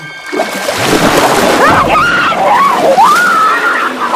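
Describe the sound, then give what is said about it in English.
Loud, continuous churning splashes of a swimming woman thrashing violently as she is dragged through the water, with a high wavering scream rising and falling above the turbulent surf-like noise. “She's dragged through the water, whipping back and forth violently.”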